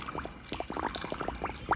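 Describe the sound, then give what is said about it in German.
Water gurgles and bubbles as a small blue plastic whale-shaped toy squirter is dipped into a rain barrel and fills, a quick run of irregular bloops with no talking. “Gleich ist sie voll, das wird prima.”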